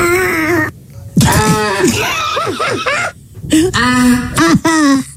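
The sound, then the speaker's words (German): Loud, shrill screams, made after forcefully exhaling all the air as a TikTok challenge, come in three bursts separated by short pauses, their pitch wavering and bending up and down with a harsh, strained edge. “Erst kräftig ausatmen, da muss wirklich alle Luft raus. Mhm. Und dann schreien.”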